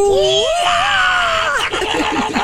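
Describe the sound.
A woman's voice on the Will Rock Morning Show lets out a loud, wavering, high-pitched wail imitating an animal's mating call, sliding up and down in pitch before breaking into shorter, choppy cries.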